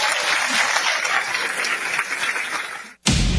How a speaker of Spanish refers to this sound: Un nuevo aplauso para ella.